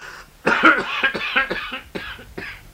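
A burst of harsh, wet coughing from an exhausted father leaning against a wall, interrupting his speech in French: several rapid hacks in a row with strained, gasping breaths between them, loud, sounding like someone choking.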